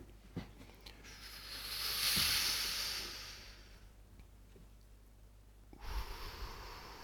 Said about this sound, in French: Expiration. On inspire. Et on expire. Et on expire. On inspire.